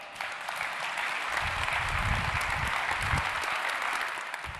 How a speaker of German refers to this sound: Insofern bitte ich nochmal um einen riesigen Applaus für die Grußworte für Dirk Panther.